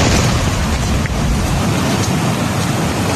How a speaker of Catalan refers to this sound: Això és Olot, rius d'aigua, de pedra, fortes ratxes de vent. A la Garrotxa, el Berguedà i el Ripollès és on ha caigut més aigua avui, això que ahir les alertes eren a l'altra banda del país.